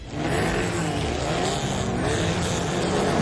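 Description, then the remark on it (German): Rally car engines, tuned Mitsubishis, Fords and VWs as well as classic Trabants and Wartburgs, roar and rev loudly and continuously at a rally in Neuruppin, a dense motor noise that fills the whole stretch without a break, with no one talking. “Wenn heute Mittag in Neuruppin Motoren aufheulen, Reifen quietschen und Staub durch die Luft fliegt, dann ist wieder Fontane Rally.”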